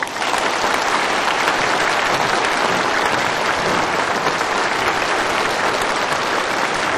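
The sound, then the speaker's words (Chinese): Enthusiastic applause from a large group of students welcoming the Ping'an City Public Security Bureau Trident team to their college, a dense, steady wash of many hands clapping together that stays loud for about seven seconds with no voices on top. “让我们以最热烈的掌声欢迎平安市公安局三叉戟团队来我院莅临指导。”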